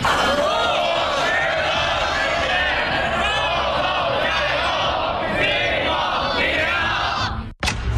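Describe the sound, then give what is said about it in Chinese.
A large crowd of young voices, 500 younger schoolmates, shouts and cheers in unison for senior-year students ahead of the gaokao, loud and sustained for about seven seconds, with rhythmic rising calls before a sudden cutoff near the end. “高考临近送祝福，500名学弟学妹为高三考生加油。”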